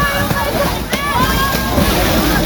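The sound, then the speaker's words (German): A man jumps into water in Alsdorf: water sloshes and splashes, with a sharper splash around the middle and continuous churning throughout; voices murmur faintly underneath. “Er springt ins Wasser.”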